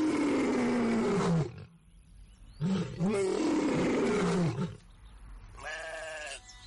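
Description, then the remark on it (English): A lion roars loudly, two long harsh bellowing roars followed by a shorter, softer growl, with no talking. “The lion was strong, fierce, and very hungry.”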